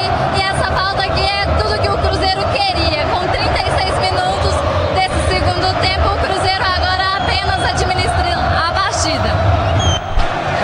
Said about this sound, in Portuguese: Tá difícil até de ouvirmos uns aos outros aqui na jornada, viu? A torcida do Cruzeiro faz barulho demais no Mineirão. Faz barulho demais. É linda a festa da Nação Azul, incendiando e chacoalhando o Mineirão.